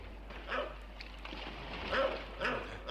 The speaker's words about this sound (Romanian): Ce-i cu câinele ăsta? E din ce în ce mai furios.